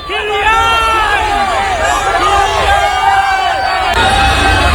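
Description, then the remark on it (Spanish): A crowd of fans greets Kylian Mbappé arriving in Boston with loud, continuous cheering and shouting, many overlapping voices rising and falling in excited calls throughout, with no single speaker standing out. “Así suena la llegada de Mbappé a Boston.”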